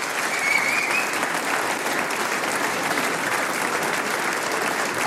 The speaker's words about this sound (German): Ein Applaus, lieber Herr Professor, komm auf!